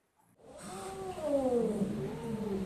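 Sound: stray kitten meowing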